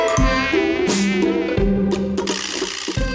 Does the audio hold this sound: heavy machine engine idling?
no